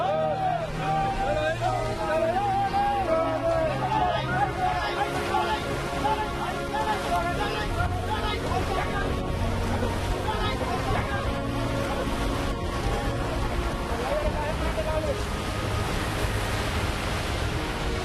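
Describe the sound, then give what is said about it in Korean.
A fishing boat's engine drones steadily as it tries to cross high sea waves to anchor, while heavy waves crash and wash around it, the sea noise loud and continuous throughout, with faint voices murmuring in the background. “과연 높은 파도를 넘을 수 있을까요?”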